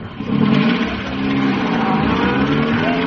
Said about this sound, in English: Good Lord, sir. Jones is driving off with a live grenade in the van.